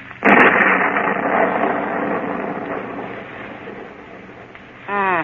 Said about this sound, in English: Storm is coming up stronger now.